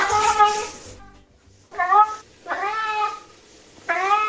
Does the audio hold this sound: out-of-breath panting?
no